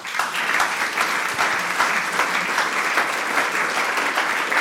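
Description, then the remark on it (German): An audience applauds steadily throughout, a dense, even patter of many hands clapping at a fairly loud, constant level with no voices standing out. “Darum bin ich jetzt, habe ich jetzt gerade ein bisschen Applaus schinden und Zeit schinden, dass wir durchmogeln können.”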